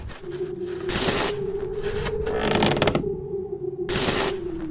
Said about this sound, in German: Ach, es ist ja nur der alte Leo. Schiebt wieder Schnee.